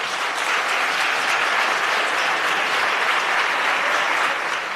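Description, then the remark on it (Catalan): Sustained applause from a large assembled audience in the Parlament chamber, an ovation given during a plenary session devoted to farmers; a dense, steady wash of many hands clapping at an even loudness throughout, with no voices rising above it. “va acudir al Parlament per seguir el ple monogràfic dedicat a la pagesia, i la cambra va respondre així, li va dedicar una ovació.”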